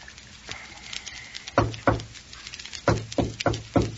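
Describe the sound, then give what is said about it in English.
A distinct patterned knock on a door: two solid raps, a short pause, then four evenly spaced raps, loud, with no one speaking. “That's his knock.”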